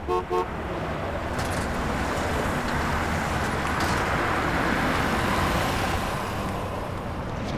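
Dense, steady road traffic in a traffic jam rumbles continuously, with a couple of short car horn toots at the very start over the broad wash of engine and tire noise.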